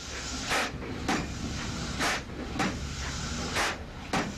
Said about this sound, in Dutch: De burgemeester nam de touwen in handen en de eerste dreunen op de versierde heipaal volgden.